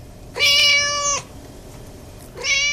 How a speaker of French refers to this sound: Merci à notre chat, mascotte de l'émission, toujours fidèle au rendez-vous.